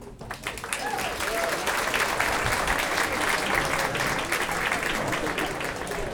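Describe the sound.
Steady, dense applause from an audience at Jazzklubb Fasching in Stockholm for a band, broadcast live on jazz radio as a break begins. Many hands clap continuously at an even loudness for the whole stretch, with faint voices mixed into the crowd noise.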